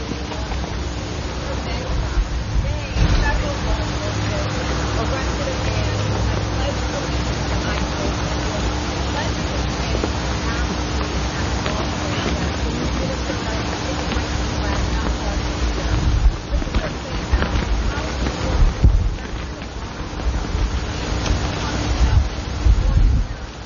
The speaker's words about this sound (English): It's a beautiful day, although it's a bit windy for my taste.